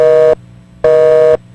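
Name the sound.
telephone busy signal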